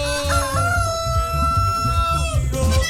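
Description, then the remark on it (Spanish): A rooster crows in one long, drawn-out call lasting a couple of seconds, loud, over a steady low rumbling background. “¿Qué te está pasando, gallo? ¡Canta, gallo!”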